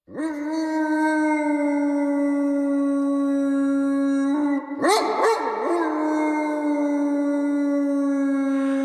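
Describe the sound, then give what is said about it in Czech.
A large black dog howls eerily in one long, sustained, mournful tone, loud, with a brief wavering break near the middle before the howl carries on steadily. No one speaks. “Za dávných dob běhával po zítce u Korhoňovy zahrady veliký černý pes s ohnivou hlavou. Když na věži Cholinského kostela odbyla půlnoc, objevil se, jako by ze země vyrostl a příšerně vyl, až každému naskočila husí kůže.”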